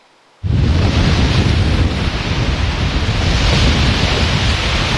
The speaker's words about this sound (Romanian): Pe plaja modern din Constanța, valurile mării și vântul care a suflat cu putere au creat condiții ideale pentru competiție.